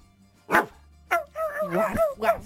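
A dog barks sharply twice, then lets out a quick run of higher, whiny yelps and barks, fairly loud, with nothing else in the background.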